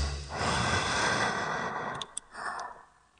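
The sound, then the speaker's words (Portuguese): Heavy breathing: a long, loud, airy exhale followed by a shorter breath after a brief pause, with no talking. “E a respiração que você ouve?”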